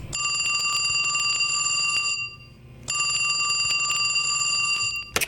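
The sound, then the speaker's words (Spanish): Two loud bursts of an electronic telephone ring with a bright, sustained multi-tone warble, separated by a short pause, then a few clicks at the end. No voices. “A ver, que suene el teléfono.”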